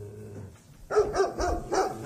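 A dog barks four times in a quick, even series after a short quiet stretch, the barks loud with a low rumble underneath.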